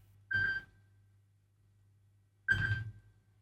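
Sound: telephone ringing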